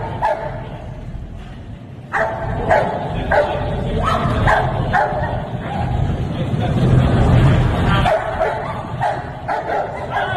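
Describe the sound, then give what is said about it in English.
A police dog barks repeatedly and aggressively, sharp bursts in an irregular rhythm over a rumbling background that sounds like an idling vehicle. “They don't want nothing to do with that dog.”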